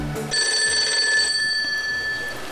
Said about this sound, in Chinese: 铃声